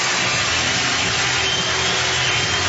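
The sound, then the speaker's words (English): A huge crowd of over 34,000 on their feet at Comerica Park roars in a sustained ovation at a Tigers game, a dense, steady wall of cheering and clapping that stays loud throughout with no voices standing out. “A huge ovation, 34,000 plus on their feet here at Comerica Park.”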